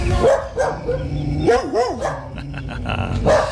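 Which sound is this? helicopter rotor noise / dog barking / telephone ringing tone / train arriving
dog barking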